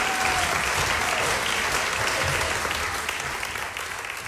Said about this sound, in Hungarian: Kérek egy nagy tapsot nekik.